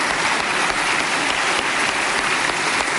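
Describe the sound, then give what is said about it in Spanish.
A crowd applauds steadily, a dense wash of many hands clapping at an even, sustained loudness for the full few seconds, with no voices breaking through, applauding during a speech in tribute to the late former president Piñera. “Le damos un aplauso también al presidente Piñera, en paz descanse.”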